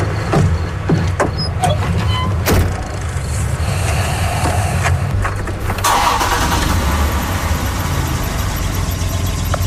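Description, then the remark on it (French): A car engine cranks and turns over, started to run the heater, then settles into a loud, steady running rumble with a few clunks along the way; no one speaks. “Puis ce qu'on voit pas, c'est que quand il ouvre le moteur...”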